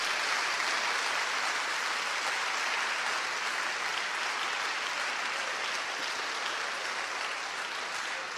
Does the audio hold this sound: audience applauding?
yes